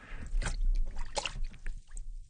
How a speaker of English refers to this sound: So, okay, get yourself a tub of very cold water, like this one here. Lower your arm into it, like so.